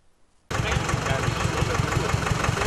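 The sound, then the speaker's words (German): A tractor engine abruptly comes in loud, idling with a steady, low, chugging rhythm after a brief quiet start, among decorated tractor-trailer rigs gathered at the festival ground in Hartmannsdorf in early September. “Auch in diesem Jahr füllte sich Anfang September der Festplatz in Hartmannsdorf mit geschmückten Traktorgespannen.”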